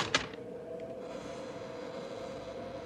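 A door latch of a ramshackle building clicks sharply once near the start as the door is tried and opened, followed by a steady low rumbling hum with no voices.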